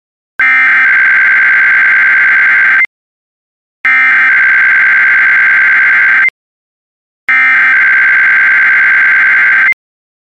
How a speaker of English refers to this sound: If this had been an actual emergency, important information or instructions would have followed the tones you just heard. This concludes this test.